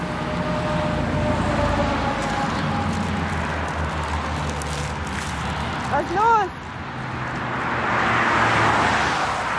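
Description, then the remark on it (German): Steady motorway traffic roar with low engine rumble, swelling as vehicles pass by near the end; a brief rising-falling tonal sound cuts through midway, and muffled voices may sit under the noise. “Wir stehen an der Autobahn und der Bus fährt nicht mehr.”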